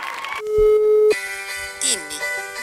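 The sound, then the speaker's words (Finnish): A steady electronic phone ringing tone from a test call to check that a phone works sounds for about half a second, then gives way to a brief rising-falling chime, with faint room noise and a murmuring voice in the background. “Saanko mä kokeilla soittaa sulle?”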